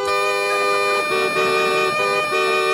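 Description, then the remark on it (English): Bagpipe regulators sound a steady, reedy chord, with the upper tones briefly cutting out and returning a few times while a low drone holds beneath, loud and continuous throughout. “And then you got regulators, which it is.”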